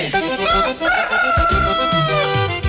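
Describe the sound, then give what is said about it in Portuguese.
A rooster crows loudly, one long drawn-out cock-a-doodle-doo with a strained, rising-then-falling call, with no voices. “Bora que o galo já cantou.”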